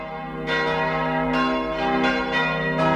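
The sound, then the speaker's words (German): A church bell rings repeatedly, each loud strike blooming into a rich, sustained metallic hum that overlaps the next, with about five or six strikes at an uneven pace. No one speaks. “auf manche Kirchenglocken waren sogar Sprüche eingossen, die sich um die Abwehr von Gewitter drehen.”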